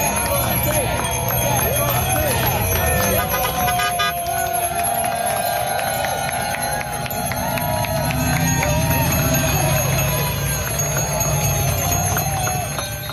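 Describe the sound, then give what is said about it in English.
A dense, continuous din of many bicycle bells and buzzers rung by protesters on bikes, wearing helmets and gloves, protesting a bike lane removal, with overlapping metallic chimes and tones over a noisy crowd, loud throughout. “Protesters on bikes with helmets and like gloves and buzzers and bells. Here's the sounds of it.”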